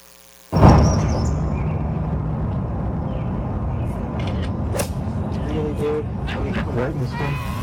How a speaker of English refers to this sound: You hear the camera click, and he takes a bad swing. He gets really mad after. This is the audio. This is from the cell phone that took the video, or it was very close to the cell phone that took the picture. Take a listen.